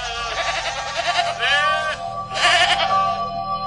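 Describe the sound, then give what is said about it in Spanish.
Several sheep bleat, their wavering, quavering cries overlapping and rising in two louder bursts over a steady background of flock noise. “Lejos de su casa, en el norte de Israel, 9 hermanos apacentaban las ovejas de su papá.”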